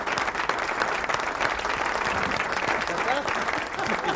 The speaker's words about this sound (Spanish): Así que este aplauso enorme para ellos y se van con una canción más.